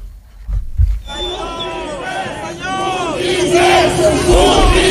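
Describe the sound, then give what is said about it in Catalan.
A crowd of attendees at the Fossar de les Moreres in the Born shouts angry insults, cries of "botiflers" (traitors) at leaders of Esquerra Republicana, in rising, overlapping chants, many voices yelling together loudly after a brief quiet start with a few low thumps. “Aquest so és, per exemple, de fa ja uns anys, crits de botiflers que alguns assistents feien a líders d'Esquerra Republicana.”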